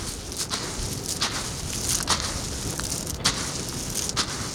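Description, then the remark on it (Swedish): Peas, sunflower seeds and whole wheat rattle in a feed tray, a series of dry, irregular crackling shakes repeating every half second or so over a steady background hiss, fairly soft throughout with no voices. “Ja, jag rasslar här i matbacken om det hörs.”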